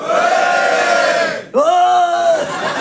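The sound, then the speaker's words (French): A crowd of men in the audience at a stand-up comedy show bellows and roars loudly for about a second and a half when the comedian asks if there are any boys, breaks off briefly, then surges into a second sustained group shout with strong harmonic voices. “Oh, ils se sentent toujours obligés de beugler, les garçons.”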